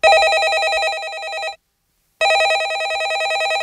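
A landline telephone in a hall rings loudly, two bursts of trilling electronic ring separated by a brief silence, with no voices present.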